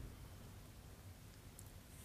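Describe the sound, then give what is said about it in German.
Steady rain hisses softly and continuously, with a low rumbling undertone and no voices, a faint, even wash of falling water throughout. “Regen.”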